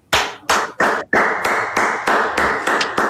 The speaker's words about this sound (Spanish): Me sumo a los aplausos